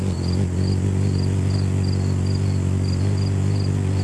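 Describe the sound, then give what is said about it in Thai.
A hummingbird's wings hum in a steady, low buzz from flapping at a very high frequency, holding without a break, while faint high chirps pulse rhythmically in the background. “เสียงนี้เกิดจากการกระพือปีกด้วยความถี่ที่สูงมากอัตราเร็วอาจจะแตกต่างกันไปตามสายพันธุ์ตั้งแต่ประมาณ12ครั้งต่อวินาทีในสายพันธุ์ที่ใหญ่ที่สุดไปจนถึงสายพันธุ์ขนาดที่เล็กที่สุดซึ่งจะสามารถบินเร็วได้ถึง80ครั้งต่อวินาที”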